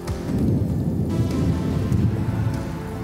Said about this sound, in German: Gewitter in den Bergen, ich hasse das wie die Pest.